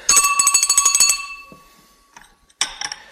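An old-style telephone bell rings loudly at home: a rapid metallic trill for about a second fades out, then a second ring starts after a short pause. No one speaks.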